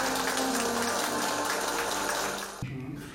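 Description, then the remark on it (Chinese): Party members and officials at Guanyinqiao Subdistrict, Liangjiang New Area, burst into warm, sustained applause while watching a livestream of the General Secretary presenting the July 1 Medal to Ma Shanxiang, a dense and steady wash of clapping that stays loud for nearly three seconds before thinning out at the end. “当画面中出现总书记亲切会见、颁授勋章给老马善祥时，现场响起热烈的掌声。”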